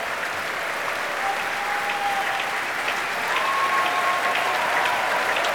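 Sustained applause from a large audience after a Richard Strauss concert by the Metropolitan Opera of New York orchestra under Yannick Nézet-Séguin, a dense, steady wash of clapping at an even, moderately loud level throughout, with a faint tonal hum drifting underneath.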